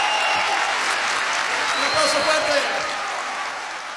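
A crowd applauds steadily, a dense wash of clapping that holds for several seconds and fades slightly toward the end, with no talking over it.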